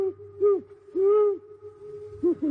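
An owl hoots three times, low and mellow, with a longer hoot in the middle and a soft steady hum underneath, clear.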